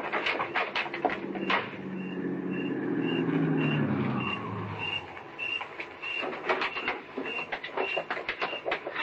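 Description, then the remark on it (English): A car coming down the street approaches, its engine swelling to a loud rumble before fading away, while a steady series of high electronic beeps pulses throughout. “Hey, it's a car. Coming down the street.”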